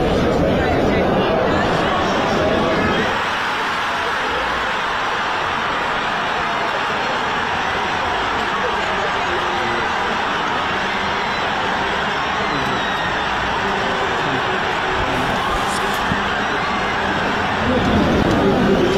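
A huge football crowd roars in celebration after Kai Havertz's goal put Arsenal one up minutes into the match, a dense, sustained wall of cheering and shouting that stays loud and steady for the whole stretch.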